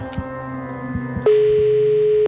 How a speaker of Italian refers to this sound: In qualche posto nel mondo c'è un telefonino vecchio, brutto, antico, che sta per squillare. Squilla in diretta, ovviamente. Sentiamo chi c'è. Squilla. Primo squillo. Secondo squillo.